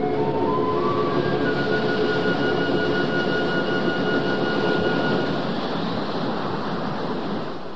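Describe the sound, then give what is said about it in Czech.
A big ocean wave crashes over a ship: a loud, continuous roar of rushing water with faint whistling tones early on, sustained for several seconds before easing slightly at the end. “Pozor! Velká vlna! Držte se, chyťte se!”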